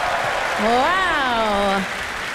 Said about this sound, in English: give them another round of applause.